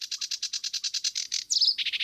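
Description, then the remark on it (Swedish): A sedge warbler sings in the reeds with a rapid, scratchy run of repeated chattering notes, shifting midway into a brief whistled phrase before the harsh churring resumes. No voices. “Vi har en som sitter ute i vassen här som heter sävsångare. Det är ju väldigt tacksamt att ha dem för de sjunger i princip hela sändningen.”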